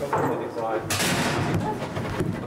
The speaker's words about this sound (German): So, ich mach die Tür mit dem Fuß zu. Ja, besser, wenn die Tür zu ist, sonst ja.